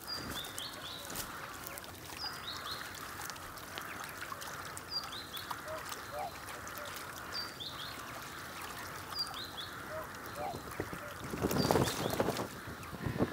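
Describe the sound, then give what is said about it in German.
Rails give short, repeated squeaky calls at a steady pace over a wet marsh background of trickling water, with a louder rustling splash near the end. No voices. “Dass er in aller Ruhe rupft, während sich die Rallen nebenan beruhigen.”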